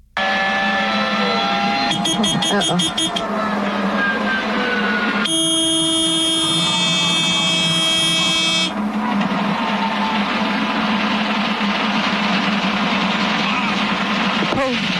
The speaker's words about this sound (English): That was so heartbreaking to even listen to. Absolutely heartbreaking because you hear the engine failing in the background. You hear the alarms going off.